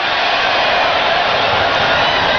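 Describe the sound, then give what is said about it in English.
Students at a baseball game cheer and applaud in a steady, dense wash of clapping and shouting at an even, loud level, standing and waving at a train going by behind center and right field, with no single voice standing out. “They're applauding the train as it goes by behind center and right.”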